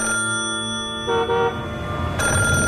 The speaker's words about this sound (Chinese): 地下室里电话骤然响了起来，正在监听的老虎被吓得哆嗦一下。